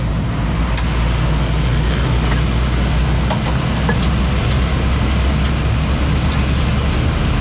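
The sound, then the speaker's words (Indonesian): Heavy road traffic at Brangsong, slow-moving toward Semarang in a fairly long queue dominated by large trucks: a steady, dense low engine drone from trucks and buses, with brief higher squeals and clicks like brakes cutting through. No one speaks. “Yang arah ke Semarang agak tersendat ya, Bung Haris.”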